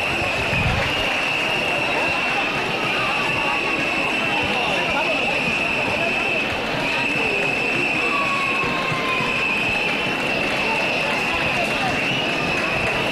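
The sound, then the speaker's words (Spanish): In the town hall square around 8:30 in the morning, as the traditional alarde parade arrives, a crowd applauds steadily for the whole stretch, a dense crackle of clapping, while shrill whistles ring out above it, one high whistled tone held almost throughout and a few shorter ones sliding in. “Tenemos aquí este momento de pitos y aplausos.”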